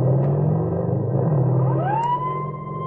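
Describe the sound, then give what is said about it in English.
A heavy engine rumbles loudly and steadily, then a siren begins winding up, its rising wail climbing partway through and holding over the motor noise as motorcycle police chase a speeding stolen car around 5 a.m. near Ridge Avenue and Oxford. “The policemen recognize the car as one reported stolen and take out after the speeding automobile.”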